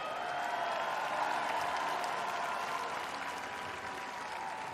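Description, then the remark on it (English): A concert crowd applauds the band's bass and keyboard players, dense clapping holding an even loudness for several seconds without pause, then easing only slightly toward the end. “Let's hear it for him.”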